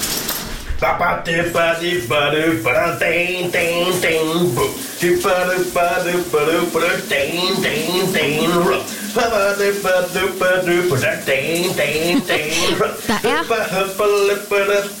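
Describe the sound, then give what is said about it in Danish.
A man sings a rhythmic, melodic tune while shower water runs in a steady, hissing rush underneath, continuous for the whole stretch. “Du skal have dagens brusebad sit. Hvad synger han her?”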